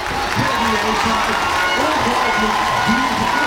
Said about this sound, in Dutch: Applaus hier in Rotterdam. Uit een volle bioscoopzaal. Met dol enthousiaste fans.